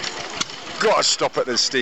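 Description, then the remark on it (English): A steam engine at the Basingstoke Transport Festival runs with a steady, hissing mechanical rumble, and after about a second a man's voice starts talking over the continuing engine noise. “Gotta stop at the steam engines, as I do every year. Let's get a bit of this sound.”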